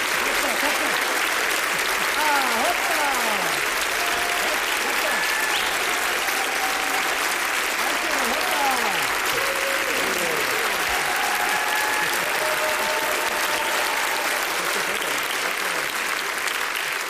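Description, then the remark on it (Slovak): Sustained, dense applause from a concert audience for two bands at the Echoes of Memory (Ozveny) festival at Slovak Radio, 4 October 2025, steady and loud for the whole stretch, with scattered cheers and whistles rising above the clapping. “Počujete potlesk, ktorý patrí zo skupeniam … a ….”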